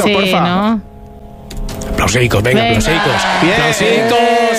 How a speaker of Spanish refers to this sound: Aplausicos. Ahora sí, menos mal. Mira que yo lo tengo esto instalado, y no había caído.